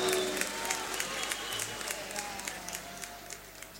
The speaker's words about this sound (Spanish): Gracias. Aplausos para los hijos de los barrios.